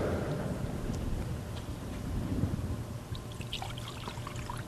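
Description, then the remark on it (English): Water is poured into a chalice in a thin, steady stream for a few seconds, a soft trickling splash against a low, rumbling hum, with no one speaking. “By the mystery of this water, remind me to come to share with the cross of our energy.”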